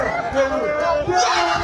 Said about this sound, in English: That's the crowd. Everyone goes nuts.